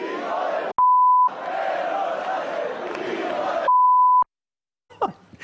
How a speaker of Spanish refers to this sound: Lo del pitido. Bueno, lo del pitido es porque estamos en horario protegido.